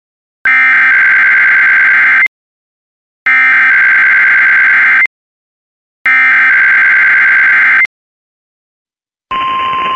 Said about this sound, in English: This is a test of the No Weather Radio 1 alarm and GPS signal. These signals are used to activate specially designed receivers when warnings or selected watches are issued for potentially dangerous weather situations.